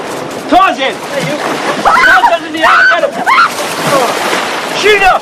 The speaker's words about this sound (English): Ferris playfully shoves Cameron, then flings Sloane into the water before diving in.